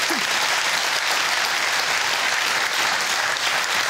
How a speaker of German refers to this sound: Jetzt geht's mit einem Applaus für unseren Gewinner rüber zum Jackpot